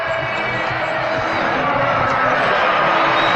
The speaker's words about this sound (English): Well, it's a pretty nice crowd here on this Thursday night, and they would love to erupt right here.